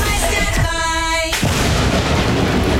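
A loud, rumbling boom with a harsh crackling burst partway through, like a thunderclap or heavy blast, filling the whole short clip with no voices; a sound effect in an advertisement for Leaptel's NBN internet plans.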